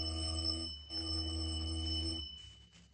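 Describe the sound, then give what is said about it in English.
A doorbell rings in two long buzzing bursts, the first short and the second longer, a harsh electric tone that cuts off and leaves a brief quiet tail. “Go on, ring the bell.”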